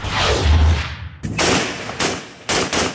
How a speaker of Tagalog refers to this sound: Umalingaw-ngaw ang sunod-sunod na putok ng baril mula sa apat na armadong lalaki sa Arayat, Pampanga noong Sabado ng gabi. Gumagamit sila ng iba-ibang uri ng armas na walang pakundangan nilang ipinapaputok pataas.